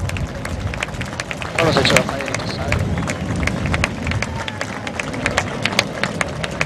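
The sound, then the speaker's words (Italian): A crowd applauds steadily outdoors at a Frecce Tricolori event, many hands clapping in a dense, sustained patter with sharper individual claps standing out, mixed with a low murmur of background noise. “Noi in pattuglia abbiamo girato ogni nazione e vi posso assicurare che nessuno è uguale agli italiani, e quindi il prossimo applauso io lo dedicherei a noi stessi.”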